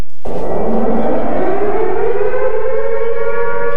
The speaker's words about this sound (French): À Kiev, les alertes aériennes retentissent en permanence au-dessus de la ville. Depuis plusieurs jours, la Russie a intensifié ses raids aériens et la population est épuisée.